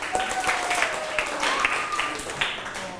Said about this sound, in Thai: เก่งมากปรบมือตัวเองหน่อย